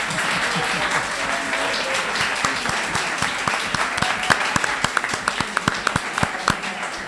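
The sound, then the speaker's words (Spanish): An audience applauds for several seconds, a dense wash of many hands clapping with sharper individual claps standing out toward the end, steady in loudness. The applause is for a cafeteria's food. “O bacon de esta cafetería merece un aplauso, ¿no?”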